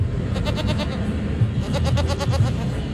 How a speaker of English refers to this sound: Students couldn't help but stop by and pet the goat duo, who were decked out in scarves that said vote.